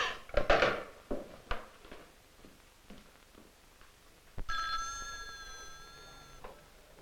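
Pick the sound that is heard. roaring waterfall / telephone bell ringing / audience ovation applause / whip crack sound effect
telephone bell ringing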